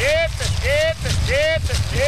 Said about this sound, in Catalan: cridant a les seves vaques perquè baixin de la muntanya a menjar sal.